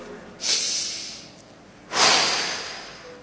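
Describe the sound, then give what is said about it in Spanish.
A preacher pauses to demonstrate breathing with two loud, deliberate breaths: a drawn-in inhale followed by a forceful, airy exhale, each lasting about a second, with no talking in between. “Acá quiero pausar. Respirando.”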